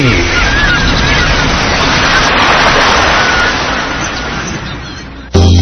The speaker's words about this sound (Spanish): Haz una pausa. Escucha el mar. Siente a la naturaleza en la costa.